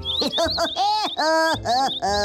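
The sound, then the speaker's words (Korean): A voice imitates chirping birds passing by, with a quick run of squeaky, bouncy calls followed by longer swooping chirps, loud, continuous for a couple of seconds with no other sounds. “목숨이 달렸다는 말에 요리사는 덜덜 떨며 포도주를 잔에 따르는데 아이 이런 이번엔 또 지나가는 새들의 말이 들리네.”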